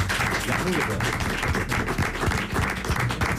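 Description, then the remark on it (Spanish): A small studio audience at a live Radio Euskadi broadcast claps steadily for a few seconds, a dense, even patter of many hands, with a faint murmur of voices underneath. “Bueno, y hoy programa especial porque tenemos también público con nosotros. Así que un aplauso a los conquistadores.”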